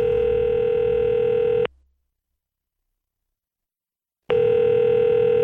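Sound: telephone call being placed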